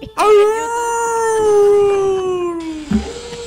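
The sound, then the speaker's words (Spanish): A person, asked for one last howl, lets out one long, loud imitation howl, holding a steady wavering note for nearly three seconds before it slides slightly downward and breaks off. “Le piden un último aullido.”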